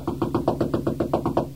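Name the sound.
knocking on a door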